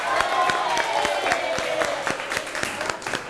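An audience applauds steadily, with a dense patter of many hands clapping at an even loudness throughout, and a few sharper individual claps standing out at regular moments.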